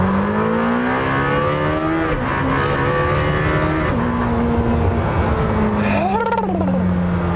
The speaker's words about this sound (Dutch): Maar het blok mag 10.000 toeren draaien. Dus geen 7, wat al best veel is. Geen 8, wat heel veel is. Geen 9, waarbij ze bij Porsche zeggen, oh, ons blok kan 9.000 toeren. Nee, 10.000 toeren. Achterlijk veel. En dat is toch wel achterlijk leuk.